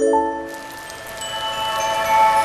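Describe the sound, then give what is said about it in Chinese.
Steady rain falls in the desert, pattering and hissing across the whole clip at moderate loudness, with sustained tinkling musical tones ringing over it; no one speaks. “我正式宣布，终于下雨了。”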